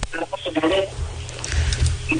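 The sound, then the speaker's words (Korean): A caller's radio plays in the background over a telephone line during a call, its muffled voice and tones blurring together into a steady, tinny murmur for a couple of seconds. “저 라디오 먼저 끄시겠습니다.”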